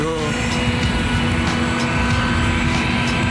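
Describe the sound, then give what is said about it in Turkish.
An airplane engine runs steadily, a loud continuous drone with a strong low hum and rumble that holds without letup, with faint voices blending into the noise. “Uçak diyorum, uçak.”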